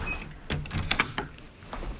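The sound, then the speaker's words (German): The door of a telemedicine cabin in a pharmacy in Heringen, Hersfeld-Rotenburg district, Hesse, closes with a short run of mechanical clicks and clunks, a firm latch-like knock in the middle, then a softer tap. Moderately loud, with no voices. “Und da ist die Tür wieder zu.”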